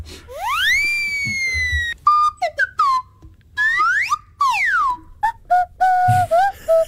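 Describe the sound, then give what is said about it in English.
A rapid string of cartoonish sound-effect whistles, including slide whistle, recorded in-house by professional musicians: a long rising slide, quick chirps, swooping up-and-down glides and a few steady warbling notes, loud with brief gaps between them. “Oh, I know, and I came across this fact when I heard a compilation of just the effect whistles.”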